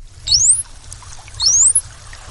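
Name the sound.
bottlenose dolphin signature whistle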